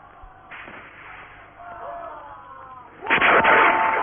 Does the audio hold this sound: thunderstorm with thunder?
no